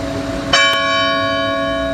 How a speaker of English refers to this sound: Let's start with a call to prayer. Church bells are ringing.